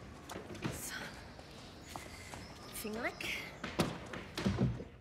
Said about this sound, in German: Und die Tür zu machen.